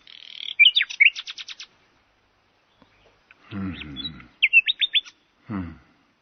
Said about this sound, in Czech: Ať tedy zpívá. Zpívej, jak nejlíp dovedeš, Slavíku.